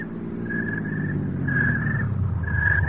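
A car engine rumbles steadily and grows a little louder as it pulls up to a house, carrying servants, with three brief high-pitched whines riding over the low drone. No one speaks.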